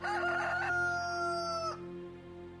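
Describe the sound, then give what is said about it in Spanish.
A rooster crows once, loud, a bright drawn-out cock-a-doodle-doo that ends abruptly, followed by a low steady hum. “Negó Pedro otra vez, y enseguida cantó el gallo.”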